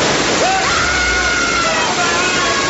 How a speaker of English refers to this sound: Right, I'm turning the sprinklers on. You have 3 seconds that I switch from water to sulfuric acid.